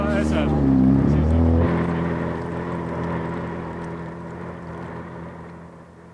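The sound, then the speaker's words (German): An elegant motorboat's engine drones steadily as it tows a sailing ship, a deep throbbing hum with a brief rise in pitch early on, then settles and slowly fades a little toward the end. “bis der junge Mann mit dem eleganten Motorboot das Segelschiff anschleppte”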